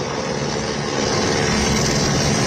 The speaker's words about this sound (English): Rescuers arriving by helicopter at a hydroelectric plant.